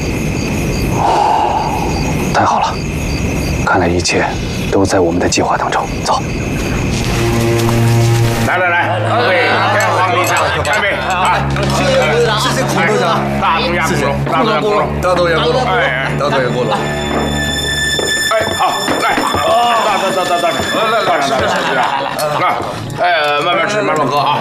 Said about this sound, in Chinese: 我大着胆子向着城门里靠近了一些，那城门里吆五喝柳的，好像有人在喝酒。